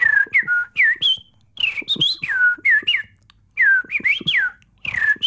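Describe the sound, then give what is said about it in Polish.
In a radio studio, a Polish champion bird imitator whistles a convincing imitation of blackbird song: clear, fluting phrases of rising and falling notes, delivered in short bursts with brief pauses, loud, with no talking. “No właśnie, jak Państwo słyszą, niespodziewanie dość pojawił się kos.”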